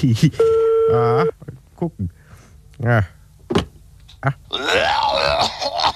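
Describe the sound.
A telephone number is dialed, with one steady, fairly loud keypad tone lasting about a second, followed by short bursts of a nearby voice and rustling.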